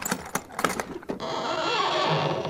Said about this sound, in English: Oh, those creaking hinges give me the shivers. Aw, they just need a little oil.